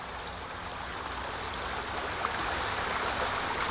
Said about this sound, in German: Und ich lasse sie nochmal ein bisschen plätschern.